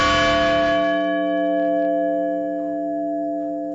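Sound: memorial bells tolling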